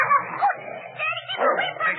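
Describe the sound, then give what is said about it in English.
A dog in a house yelps and whimpers in a steady, fairly loud run of high, wavering cries lasting a couple of seconds, with no talking over it. “I wonder who left the dog in the house.”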